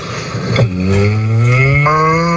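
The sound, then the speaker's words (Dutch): A person imitates a cow with one long, loud, low moo. The droning voiced tone holds steady for nearly two seconds, rising slightly in pitch, with no other sounds around it. “Maar ik kan al een koe laten horen aan je.”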